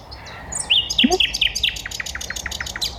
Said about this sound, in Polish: Niektórzy mówią, że najpiękniej śpiewa ten ptak. Słowik, tak. Pierwszy słowik zaczął tak. I on sobie tutaj kwili.